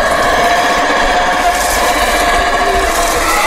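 A loud, continuous roar of a howler monkey (alouatta), a deep, breathy droning howl that holds steady without pause for a few seconds, with no talking over it.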